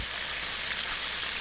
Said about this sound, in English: The sizzle of a deep fryer.